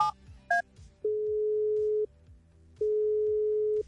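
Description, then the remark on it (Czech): A couple of quick keypad beeps, then two long, steady ringback tones of an outgoing phone call to a contest participant, each lasting about a second with a short pause between, over faint background music. “víš, co to znamená, že ti volám ahoj.”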